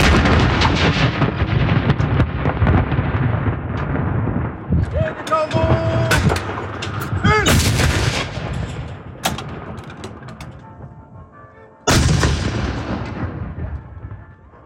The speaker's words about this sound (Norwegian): Etter gravferden var det salutt for den nye kongen, kong Håkon den 8. Totalt 42 skudd ble avfyrt fra Forsvarets saluttstasjoner.